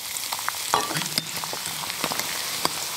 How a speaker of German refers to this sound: Dann schauen, dass das Schweinefett heiß ist. Und dann kommt das Ei rein und das flufft dann quasi auf. Und dann verriert man es noch.